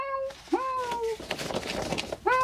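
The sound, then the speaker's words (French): A cat named Mishka meows three times: a short call trailing off, a longer drawn-out meow that rises then slides down, and a final meow just starting at the end, fairly loud over faint background noise. “Tiens, voilà Mishka le chat. Tu l'entends?”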